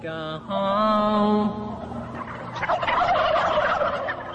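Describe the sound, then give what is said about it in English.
A large flock of about 300 turkeys in a pen gobbles in a dense, overlapping chorus that swells toward the end, while a man plays a sustained melodic folk tune to them, clear at the start and fading beneath the birds. “So he's actually playing a song, you know, sitting in a pen with 400 turkeys, which are all gobbling and stuff like that, while he plays this one folk song.”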